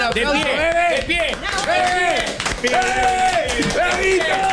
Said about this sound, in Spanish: Te podemos dar un aplauso grande.